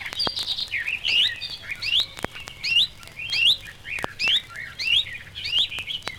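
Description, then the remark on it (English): A reed warbler sings, a busy, continuous stream of bright rising chirps and whistles in repeated phrases, weaving in imitations of other birds' calls, including a chiff-chaff call, with no voices present. “Its song is similar too, and in some cases, even its mimicry. Like the sedge warbler, it gives a perfect imitation of a chiff-chaff call.”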